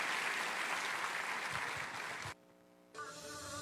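Loud, dense applause for God at a church service fills the first two seconds with steady clapping, then drops to a softer sustained tone with a faint hum before clapping noise resumes at a lower level.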